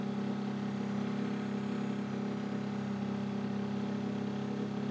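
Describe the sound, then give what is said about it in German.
A large fishing boat's engine runs steadily in shallow coastal water at the natural outlet of the Stepenitz in western Mecklenburg, Germany, a loud continuous low drone with a humming tone that holds constant throughout, with no voices. “Bis zu dem Pfahl hier muss ich immer mit dem großen Boot her und dann um die Ecke.”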